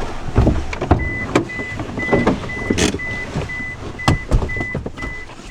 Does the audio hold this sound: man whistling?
no